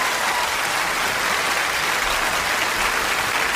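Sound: round of applause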